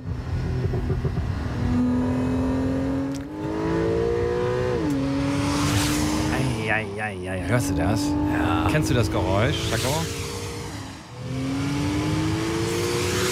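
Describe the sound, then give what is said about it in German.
A water-cooled Porsche sports car engine revs loudly, its tone climbing in pitch several times and dropping back between surges, while people talk over it. “Ja, aber ein Porsche.”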